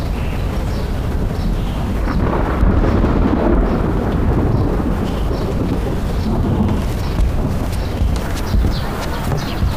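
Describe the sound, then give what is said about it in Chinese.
Heavy, steady rain pours down while deep thunder rumbles loudly and continuously, with no clear breaks and no voices; the thunder comes suddenly after a clear sky. “刚才晴空万里，这忽然又打雷了。”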